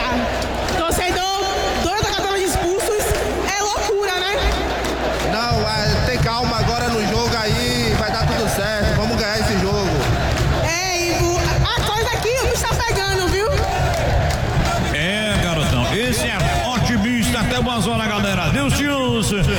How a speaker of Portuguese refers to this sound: a torcida aqui tá louca